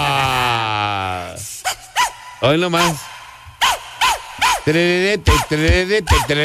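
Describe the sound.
A falling tone opens into a quick rhythmic run of about a dozen short dog barks, loud, set to the steady beat of a dance song, with a brief voice speaking.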